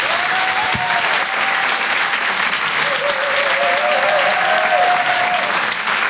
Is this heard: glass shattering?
no